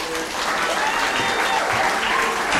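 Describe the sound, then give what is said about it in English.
A crowd applauds steadily for activist Harvey Wasserman, a dense continuous patter of many hands clapping at a fairly loud level, with faint cheering mixed into the wash of claps throughout. “Please cheer this kind, compassionate, and courageous warrior, Harvey.”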